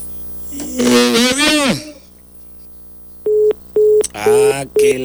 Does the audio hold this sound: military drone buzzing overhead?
no